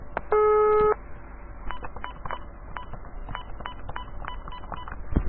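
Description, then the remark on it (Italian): A loud, steady electronic phone tone sounds for about half a second, followed by a string of short, quieter beeping tones, like dialing or a busy signal, over faint line hiss, as a phone call fails to go through. “Ah bene, Grizzly ha ucciso il telefono.”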